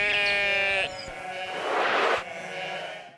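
A sheep gives a loud, wavering bleat lasting almost a second, followed by a rougher, noisier bleat-like sound. No one speaks.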